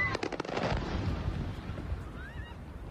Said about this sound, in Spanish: Es el sonido de los drones impactando contra un almacén de la empresa rusa de comercio electrónico Wildberries, lo que sería el Amazon ruso, y contra otras instalaciones de Moscú.